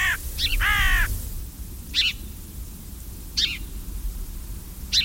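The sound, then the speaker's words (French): A carrion crow caws harshly, with two quick calls at the start followed by single spaced caws, over a low rumbling background with no talking. “La corneille, elle aussi, est très, très omnivore et qui n'est pas toujours appréciée de tous les agriculteurs.”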